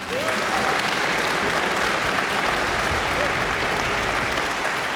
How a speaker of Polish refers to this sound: Królowa odeszła, a jej miejsce zajął mały człowieczek, czyli ja, który dostał gromkie brawa jak stąd do nie wiadomo gdzie.